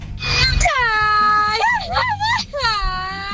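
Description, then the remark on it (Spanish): A loud Mexican charro grito: a long high-pitched yell that holds, breaks into a wavering warble, then rises again into another drawn-out cry, over a low background rumble. “tenemos otro grito de charro. Este lo manda ….”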